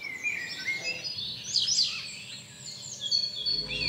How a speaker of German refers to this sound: Beinahe überall im Gebäude sind unterschiedliche Vogelstimmen präsent. Ausgenommen sind nur die Hotelzimmer.